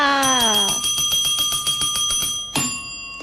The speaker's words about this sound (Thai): กดกระดิ่งเรียกทรัพย์กันก่อนนะคะ